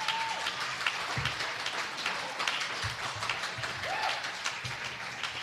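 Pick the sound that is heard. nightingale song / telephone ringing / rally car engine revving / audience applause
audience applause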